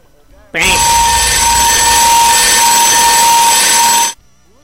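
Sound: alarm sounding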